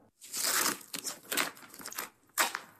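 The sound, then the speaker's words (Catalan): Extra-strong duct tape ripped off its roll to patch a crack in an eighteenth-century musical instrument, in a series of harsh, crackling pulls: one long tear, several shorter uneven ones, then a final sharp rip, with no voices. “Tinc un rotllo de cinta americana extra fort a la motxilla.”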